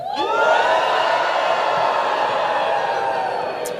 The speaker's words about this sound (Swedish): Plötsligt blev studenterna uppmanade att jubla åt alla som stod utanför. Så alla studenter viftade med sina mössor i luften och jublade högt åt alla utanför. Då lät det så här.